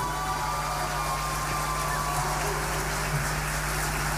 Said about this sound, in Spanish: Un fuerte aplauso nuevamente para nuestro gran Ballet Municipal. Y sus músicos.